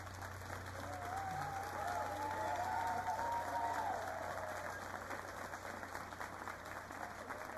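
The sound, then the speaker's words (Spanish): A crowd applauds the director of the Calamuchita choir of Bonville, a dense wash of clapping that holds at an even level for several seconds, with a faint voice briefly rising above the noise. “La directora del coro Calamuchita de Bonville, que está recibiendo el aplauso de todo el público, porque la verdad que ha hecho un trabajo estupendo.”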